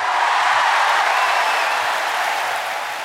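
Thunderous applause from a concert audience after a singer's performance at the 1984 Jazzfestival Wiesen in Burgenland, a dense, steady wash of clapping that stays loud and even for about three seconds before easing off slightly at the end. No one speaks.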